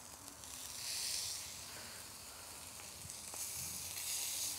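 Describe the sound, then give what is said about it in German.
Steady, bright sizzling of meat, brushed with a little oil, searing in a hot grill pan, a continuous crackling hiss with a few sharper pops, swelling slightly louder at moments, with no talking. “Da ich jetzt hier eine Grillpfanne habe, bepinsel ich das Fleisch mit ein bisschen Öl”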